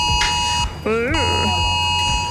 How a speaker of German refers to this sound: Ja, und überall die Frage, Mensch, wie geht denn das Ding wieder aus? Haben sich viele gefragt, als das Smartphone das Signal gegeben hat.